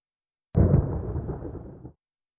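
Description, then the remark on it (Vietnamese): A single sharp crack of a lightning strike from a ninja's lightning-strike technique bursts in and rolls into a loud, deep rumble that fades out over about a second and a half, with no voices. “Raijin no jutsu. Còn câu này có thể hiểu là thuật sét đánh.”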